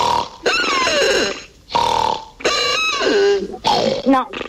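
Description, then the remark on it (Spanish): Four loud snoring sounds in a row, throaty and grunting with a pig-like, snorting quality, each a voiced rasp that slides downward in pitch, separated by short pauses. “te vamos a tirar ronquidos y vos me decís, este es el que se parece, este es igual.”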